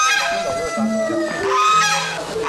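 Domestic geese kept among a flock of chickens honk repeatedly in overlapping, nasal calls, loud, with a busy mix of other fowl sounds around them and no talking.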